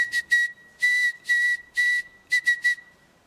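A steady high-pitched whistle taps out SOS in Morse code: three quick short blasts, three longer held tones, then three short blasts again, with no voices.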